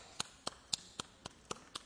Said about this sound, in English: And this is what clapping sounds like in India.